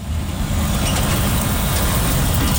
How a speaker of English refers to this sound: Trucks thunder along Intermodal Drive past Triple M Metal, where firefighters are still on site watching for flare-ups.